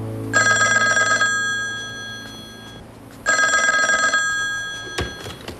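A telephone bell rings loudly in two long bursts separated by a pause as a call is placed to a factory, followed by a brief knock, as if the receiver is being picked up.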